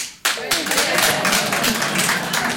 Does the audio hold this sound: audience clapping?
yes